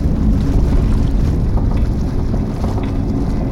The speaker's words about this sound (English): There it goes. Sinking. So fast. The ship is sunk.